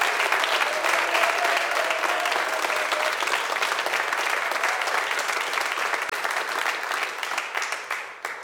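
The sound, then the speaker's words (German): A live audience at Ö1's mobile radio studio at Burg Feistritz, during the Harriet and Friends chamber music festival, claps loudly and steadily for the radio listeners, a dense wash of applause lasting several seconds before starting to thin out at the end. “Schicken Sie doch gleich einmal ein kräftiges Lebenszeichen hinaus zum Publikum an den Radios.”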